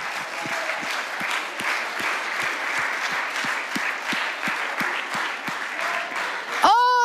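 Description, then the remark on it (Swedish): A large crowd in a church claps steadily to cheer on competing teams, a dense wash of applause with a regular rhythmic beat running underneath; right at the end a voice briefly rises over it. “Fortsätt klappa.”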